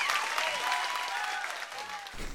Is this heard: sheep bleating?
no